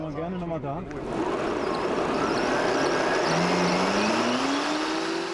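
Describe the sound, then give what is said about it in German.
An electric fatbike motor, during a police bicycle check in Gronau, whines louder and climbs steadily in pitch as it accelerates without pedaling, up to 38 km/h, over constant road and wind rush, with a voice talking briefly at the start. “Auch ohne Trittimpulse beschleunigt es auf bis zu 38 km/h.”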